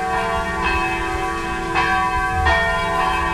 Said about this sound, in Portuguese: Olha, os sinos estão tocando lá na rádio. Os sinos lá no SEDEC estão tocando.